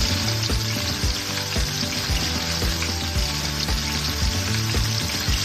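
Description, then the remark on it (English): Chicken frying in olive oil, a steady sizzle and crackle that runs without a break for several seconds, with a faint low hum beneath and no voices. “Now we're going to cook the chicken, okay? I'm going to do a couple good gloves of olive oil here.”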